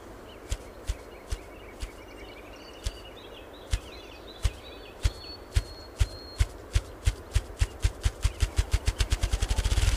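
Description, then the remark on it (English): A ruffed grouse drumming with its wings, beating up to 20 flaps a second: low, hollow thumps start slow and widely spaced, then speed up steadily into a rapid whirring roll, with faint bird chirps in the background. “This remarkable noise, called drumming, can be heard half a mile away.”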